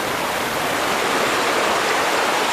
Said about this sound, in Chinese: 600多年前，刘振区的祖先来此定居，也是因为这条顺山谷而来的河水。